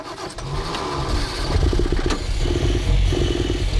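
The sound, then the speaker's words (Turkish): A carburetor engine, just refitted with its carburetor after the intake flange was flattened, cranks on the ignition and catches, then runs unevenly with a rough, sputtering idle and a loud, pulsing low rumble that surges and dips in uneven bursts. “Çalışıyor ama sesi daha da kötü çıkıyor.”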